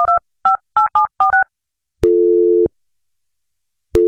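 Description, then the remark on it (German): A telephone call being placed: six quick touch-tone keypad beeps, then a loud, steady buzzing line tone lasting over half a second that starts again after a pause. No voices. “Also ich habe die Tür gehört, den Anruf natürlich und eben diese Spraydose.”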